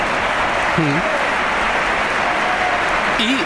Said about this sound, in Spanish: Bueno, ayer en el Bernabéu contra el Real Oviedo, Kylian Mbappé fue recibido, pues, con todo menos con amor. Primero Gonzalo. Aplausos.